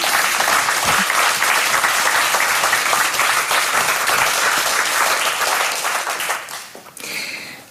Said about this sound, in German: Applaus für euch. Dankeschön.